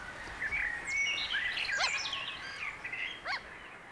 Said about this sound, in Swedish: Just nu så är det mest måsfåglarna som är och tar sig en nattmacka här. Vi har kanske 1 eller 2 plusgrader. Det är mycket kyligt. Ganska mörkt har vi också. Vi har 2 timmar till gryningen.